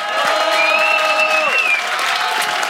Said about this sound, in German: Traumhafte Bedingungen und traumhaftes Publikum. Wir schicken einen lieben großen Begrüßungsapplaus hinaus vom Kitzbüheler Horn in die große weite Welt.